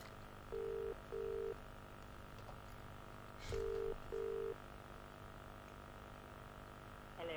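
An outgoing phone call to a prize winner rings on the line: two double-burst ringback tones, each pair of short beeps separated by a long pause, fairly quiet over a faint hiss.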